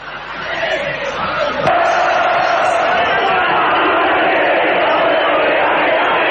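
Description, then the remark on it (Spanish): A large crowd of Belgrano fans and players roars and chants together, celebrating the championship with an open-top Flecha Bus in front of their stand: a sustained, loud wall of voices, steady and dense throughout, with a brief sharp swell early on before settling into continuous group singing. “Esos son los hinchas y los jugadores cantando”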